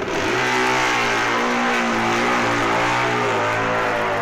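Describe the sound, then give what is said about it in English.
Loud racing motorcycle engines, including Chris Vincent's BMW, rev continuously, their harmonic whine rising and sustaining over a dense mechanical roar, with no talking. “Britishers Terry Vinicum, Kirby BSA and Chris Vincent BMW.”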